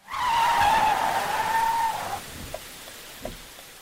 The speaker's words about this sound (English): The silver sedan that had raced through the pouring rain came to a stop in the middle of the road.